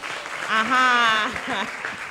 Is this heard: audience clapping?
yes